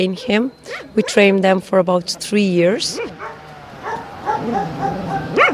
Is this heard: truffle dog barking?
yes